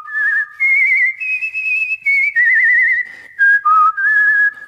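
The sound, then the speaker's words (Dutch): A person whistles an imitation of the Chinese nightingale's song: a bright, warbling run of high trills and sliding notes with brief pauses, loud and clear with no talking. “Hij vloog door de grote zaal en zong het mooiste lied.”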